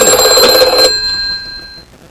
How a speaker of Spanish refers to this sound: ¿Teléfono? ¿Tenemos teléfono? Aparentemente sí, el teléfono, ¿eh? Me recuerda al teléfono de James Bond.